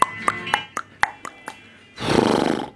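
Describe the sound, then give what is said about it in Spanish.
A voice mimics a horse whinny: a quick run of choppy, pulsing vocal bursts with a tonal edge, followed by a loud, rough, breathy snort. “De pronto, se escuchó un caballo a lo lejos.”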